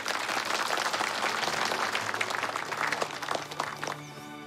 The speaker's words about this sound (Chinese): 同意此调停的鼓掌通过，不得反悔。